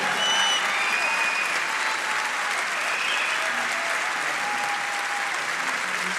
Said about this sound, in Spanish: fuerte aplauso.